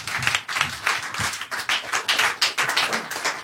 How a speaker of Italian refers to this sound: Fate un applauso intanto a Radio Popolare che ci ospita per questa serata.